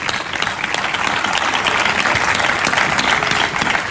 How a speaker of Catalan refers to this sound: Però no tenim cap esdeveniment que ajunti tanta voluntat, tanta gent, tantes persones compromeses i amb voluntat de fer poble com teniu aquí a Roquetes. Per tant, aquí ve el meu aplaudiment a vosaltres, eh?